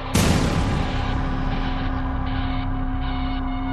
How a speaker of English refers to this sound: After that female scream, I heard 2 gunshots. And then there was a 6-second pause, and I heard a 3rd and final gunshot.